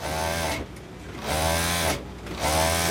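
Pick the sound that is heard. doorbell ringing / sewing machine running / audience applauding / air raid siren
sewing machine running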